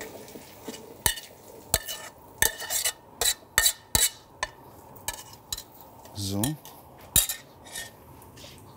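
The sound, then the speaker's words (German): A spoon repeatedly scrapes and clinks against a pot as heated peas are scooped into a blender, a quick series of sharp metallic knocks, with one brief spoken word. “Die Erbsen sind jetzt erhitzt. Die Erbsen kommen dann in den Mixer.”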